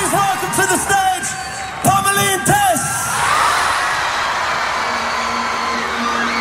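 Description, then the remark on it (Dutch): A big crowd at the Rock Werchter festival screams and cheers wildly, with loud whoops and yells rising over a dense roar of voices that swells into sustained, broad cheering. “Hoor ook hoe dat publiek schreeuwt. Ja, iedereen werd echt wild.”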